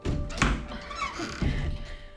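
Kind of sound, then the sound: household object, door being opened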